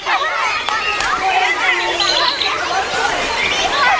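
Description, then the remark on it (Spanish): Outdoor park ambience with a steady hubbub of many people chatting, voices overlapping into a continuous babble with no single speaker standing out. “¿En un parque?”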